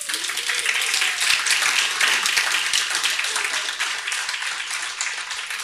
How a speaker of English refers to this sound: I would like to welcome all of you to this wonderful event. Please give yourself a round of applause.